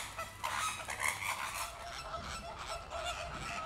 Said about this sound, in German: Da sieht man wieder so einen typischen Streit, also je mehr, desto glücklicher und je mehr Nachbarkeitsstreit gibt es. Ein bisschen Hickhack stimuliert bei den Flamingos das Brutgeschäft.